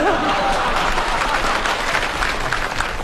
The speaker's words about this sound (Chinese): 大伙儿鼓掌是喜欢我们俩当中的一个。我一直以为大伙儿也喜欢你呢。